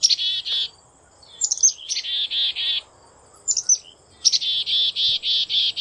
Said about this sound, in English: That's the familiar call of the black-capped chickadee. Throughout the year, the call of the chickadee acts as an early warning system. Their calls alert nearby birds when a screech owl has been spotted or when a Cooper's hawk is approaching.